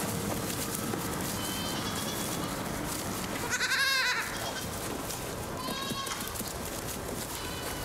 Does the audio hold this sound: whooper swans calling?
no